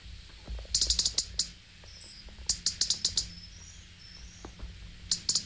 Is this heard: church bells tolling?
no